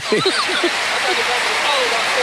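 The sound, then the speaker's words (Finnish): A dense, steady wash of arena crowd applause and cheering, the audience standing as Tampere waves for more noise, fills the whole stretch, with a man's voice briefly speaking over it near the start. “Tampere avaushyppy ja yleisö seisoo, yleisö taputtaa ja Tampere viittoo kun lintu siivillään, että nyt sitä ääntä lisää.”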